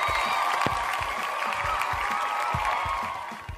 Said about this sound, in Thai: คอมเมนเตเตอร์ปรบมือ